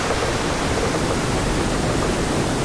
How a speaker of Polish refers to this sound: I wówczas w przednich wrotach zostaną otwarte bardziej takie zastawki, które pozwolą na to, żeby woda z jeziora Studzienicznego przepłynęła tutaj do komory śluzy, tak żeby poziom się wyrównał.